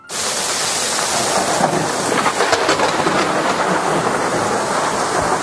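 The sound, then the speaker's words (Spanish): Heavy rain pours in a dense, steady roar with gusting wind and low rumbling like thunder, loud and unbroken throughout, with no voices: a terrifying storm at sea lasting several days at the port of San Julián, in present-day Argentina, making the seas unnavigable. “Una tormenta terrorífica. Terrible, de varios días, que claro, eso provoca que los mares sean innavegables totalmente.”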